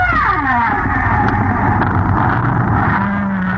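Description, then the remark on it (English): Humpback whales sing in long, sliding moans that fall in pitch, ending on a low, held note, all beneath a loud, unbroken roar of storm noise. “These are humpback whales singing in a tropical storm.”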